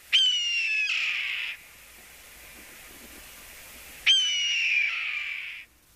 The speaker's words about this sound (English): Of all the hawks in our area, the common red-tailed hawk's call is perhaps the most suggestive of aggressiveness.